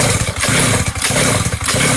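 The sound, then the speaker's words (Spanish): A small two-stroke brushcutter engine, flooded, cranks in several quick, loud pulls, each one chugging and sputtering briefly without catching, with short pauses between attempts. “Está ahogadita. Venga, le hago lo mismo que le hice a la moto. Le aprieto aquí la bujía.”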